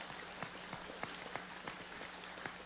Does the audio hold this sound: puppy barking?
no